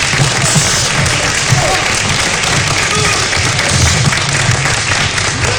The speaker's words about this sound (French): On applaudit bien fort.